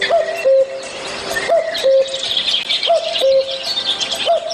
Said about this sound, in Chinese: 对，杜鹃来讲呢，就是我们说的布谷鸟， 布谷鸟 的声音就是布谷布谷， 对， 布谷布谷，这种声音呢是大杜鹃。